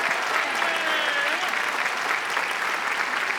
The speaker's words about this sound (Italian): Bravi, bravi, bravi! Accompagniamo i ragazzi con un applauso mentre escono. Bravi, complimenti! Che ballerine!